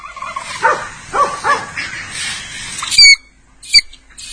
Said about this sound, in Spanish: si agarrás un bisón o lo sentís, tiene este grito, dice, mirá, escuchá.